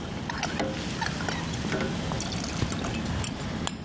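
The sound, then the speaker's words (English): Liquid is poured steadily into a cooking pot of berries while making a compote, a continuous splashing hiss lasting several seconds, with a few faint clinks mixed in. “So we're gonna pour this in.”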